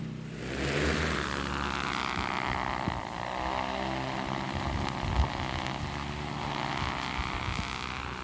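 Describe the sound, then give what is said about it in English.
A large drone launches for drone ignitions on a fire, its propellers whirring loudly and steadily, a dense droning buzz that holds constant for several seconds, with slight surges in pitch and no voices. “All right, we're ready to launch the drone.”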